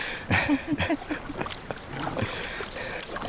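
Water sloshing and trickling as a canoe paddle dips and pulls, with soft splashes and a faint outdoor wash behind, brief murmurs of voice around it.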